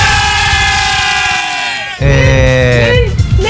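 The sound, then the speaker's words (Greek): A bowed lyra plays loud, with sustained, reedy tones that slide between pitches in a short, bleating phrase. After a brief dip it resumes with several wavering held notes. “Μου κάνεις λίγο τη λύρα πάλι”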